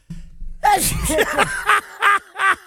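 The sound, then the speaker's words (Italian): A sharp sneeze bursts out after a brief quiet hum, followed by a few short breathy vocal bursts in quick succession. “Ma come mai starnutisco?”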